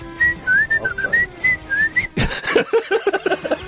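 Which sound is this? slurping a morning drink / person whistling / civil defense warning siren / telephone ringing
person whistling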